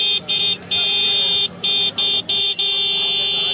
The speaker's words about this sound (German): lassen kaputte Hupen reparieren oder legen knapp 20 Euro auf den Tisch für den König der Hupen